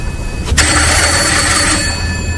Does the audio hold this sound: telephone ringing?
yes